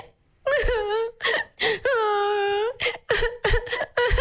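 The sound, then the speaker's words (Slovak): A voice acts out crying as Hansel and Gretel (Janko a Marienka) lost in the forest, with drawn-out, wavering wails and short sobbing whimpers broken by gasping breaths, loud with no other sounds. “Takže, tvojou úlohou je teraz plačom zahrať situáciu, ako Janko a Marienka sú stratení v lese.”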